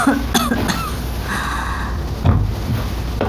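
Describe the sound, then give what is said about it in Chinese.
Several short, harsh coughs from a woman burst out, an uneven cluster near the start followed by another rough cough a couple of seconds later, with quiet background noise between them. “娘，您这怎么还咳嗽啊？”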